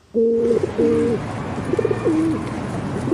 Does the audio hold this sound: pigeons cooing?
yes